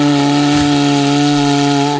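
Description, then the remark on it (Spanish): A cuerno bocinero, a horn made by artisans in Euskadi, blown with vibrating lips in one sustained, steady blast of about two seconds, loud and buzzy with a low, cow-like lowing tone and strong stacked harmonics, ending abruptly. “si alguien quiere hacer una demostración de cómo se toca el cuerno bocinero dignamente”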